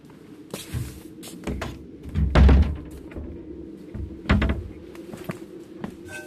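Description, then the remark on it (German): A door that had stood open is handled and pushed shut against the cold, with a solid thud midway and another softer thump later, amid scattered knocks and rattles in a quiet setting. “Die Tür stand offen. Ich habe mir erlaubt, sie zu schließen bei dieser Kälte.”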